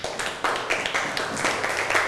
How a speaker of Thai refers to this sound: ปรบมือให้กับเพื่อนครับ